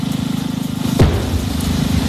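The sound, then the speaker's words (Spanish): A single sharp, heavy blast from a controlled explosion bursts out midway through a steady, throbbing low rumble, which keeps going after the explosion fades. The explosion was set off in Romania to redirect water into the Danube river. No one speaks. “Esto que acabas de escuchar es la explosión controlada con la que Rumanía ha redirigido agua al Danubio para evitar así que una central nuclear vital quedara paralizada, porque sin el agua del río no se pueden enfriar los generadores.”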